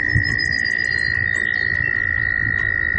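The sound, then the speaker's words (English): A steady, high-pitched trill of American toads in springtime in the northeastern United States, the males trilling in different frequency ranges, rings out continuously and loudly, with a dense low chorus of other croaking beneath it and no pauses. “These trilling American toads are a common springtime sound in the northeastern United States.”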